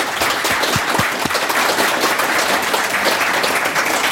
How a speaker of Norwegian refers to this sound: Alle ansatte I museet, gi dem en stor applaus.